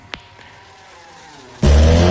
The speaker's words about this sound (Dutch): Ronkende motoren, knallende feesten. De TT is in volle gang.